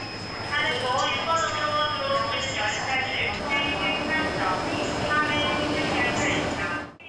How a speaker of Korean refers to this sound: 광주에서 오는 호남선과 여수에서 오는 전라선 열차가 만나 용산 서울로 향하는 익산역.